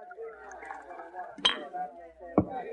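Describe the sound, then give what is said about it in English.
Two sharp glass clinks, about a second apart, ring out over a soft pour of rye whiskey into a glass at a dresser, with indistinct voices murmuring in the background. “Suddenly he got up, walked to the dresser, and poured another glass of rye.”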